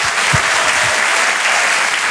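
Loud, dense applause from an audience, a steady wash of clapping that fills the whole clip without pause, with no voices rising above it.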